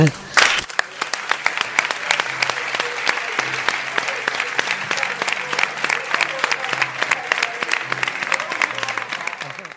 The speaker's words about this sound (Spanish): Sí, no, pero lo primero, nos vamos a meter todos nosotros a aplaudirles a ellos, que son quien de verdad lo merece.